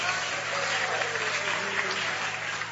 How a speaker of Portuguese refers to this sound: Vamos aplaudir Jesus bem bonito. Vamos aplaudir Jesus bem forte. Adore a Ele com as palmas, glorifique a Ele com os seus lábios, com o seu coração.